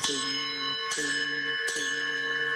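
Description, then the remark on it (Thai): A 7-inch hand bell, loud like a school class bell, is rung three times in a steady rhythm, each bright metallic clang ringing out with sustained high overtones that blur into one continuous shimmer. “ระฆังนี่สั่งเสียงดังเหมือนรถไฟเหมือนโรงเรียนเข้าตีเบาสมัยเข้าโรงเรียน”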